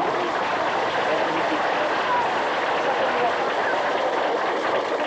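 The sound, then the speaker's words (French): A crowd at a meeting claps steadily for about five seconds after a unanimous show-of-hands vote, a dense, even wash of hand claps with no pauses and no clear voices. “On va déjà applaudir un peu.”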